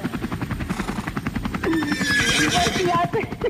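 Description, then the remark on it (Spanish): A loud donkey bray rasps in a long see-sawing run of harsh, pulsing honks, rising in strength partway through and filling the whole few seconds on its own. “Ahí te mandé al burro.”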